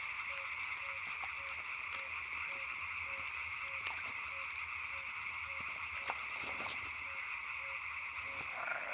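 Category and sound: animal, frogs croaking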